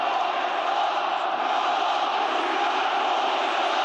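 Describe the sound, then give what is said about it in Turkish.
A large crowd of Beşiktaş football fans in a stadium chants together, 'Ya Allah, Bismillah, Muhammed Salah', at a player's signing ceremony, in a steady, dense roar, loud and sustained throughout with no pauses or individual voices standing out. “Beşiktaşlı taraftarlar transfer gündeminde yer alan Mısırlı yıldız lehine tezahüratlar yaptı.”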